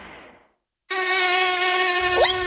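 A mosquito's thin, high-pitched whine buzzes steadily and close for a couple of seconds after a brief silence, wavering slightly in pitch near the end.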